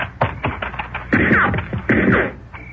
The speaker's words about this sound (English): Whoever it was must have beat it. Yeah. Rotten shooting. That light from the door made us perfect targets.